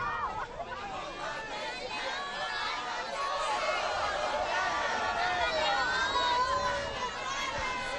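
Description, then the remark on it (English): A large crowd in St. Peter's Square, Rome, murmurs and chatters steadily as the Pope greets them from the Popemobile on a cloudy day, a dense babble of many overlapping voices with occasional raised calls, holding at an even, moderate level throughout. “As we go live this morning, we see the Holy Father is still making his rounds, greeting the crowds from the Pope Mobile here in St. Peter's Square.”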